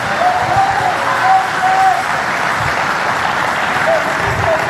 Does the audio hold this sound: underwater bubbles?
no